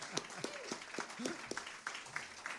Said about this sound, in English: I want to thank these guys. I want you guys to give them a round of applause. Hey, yeah, help them out here.